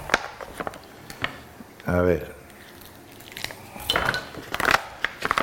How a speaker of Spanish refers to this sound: Bueno, ya tengo sofrito de ajo y cebolla y vamos a ir picando el chorizo.